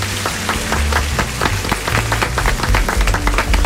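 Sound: applause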